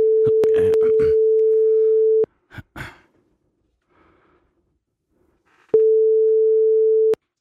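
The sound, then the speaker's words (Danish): A steady, single-pitched telephone ringing tone sounds loudly in two long bursts separated by a pause as a call is placed, with sighs and breathing filling the quiet gap between them. “Så ringer vi.”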